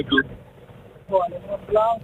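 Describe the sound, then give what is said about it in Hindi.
A man speaks in short bursts over a phone line while a steady low rumble of road and wind noise runs underneath, from the car he is in with its windows open and the AC off. “भाई साहब बहुत दूर से आ रही है आवाज, दूर से आएगी, शीशे ओपन कर रखे थे मैंने गाड़ी के, अब आएगी।”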